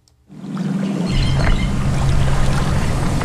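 Water sloshes and churns steadily as people wade through waist-deep swamp water at the 6-mile Cypress Slough Preserve near Fort Myers, Florida, looking for frogs; a continuous splashing and swishing that starts abruptly after a brief silence, with no talking.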